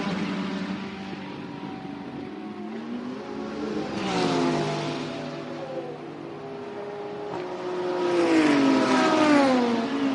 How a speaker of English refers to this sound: Off and away the BMW goes.